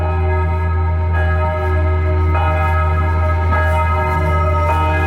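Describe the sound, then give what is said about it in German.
Church bells in Rapperswil, Switzerland ring steadily and loudly at exactly 11 o'clock, their overlapping tones sounding again and again at regular intervals over a deep, constant low rumble, with no voices. “Das Rappi wird man gerade mit vielen Glockenklüten empfangen. Gut, es ist ja mittlerweile auch genau 11 Uhr.”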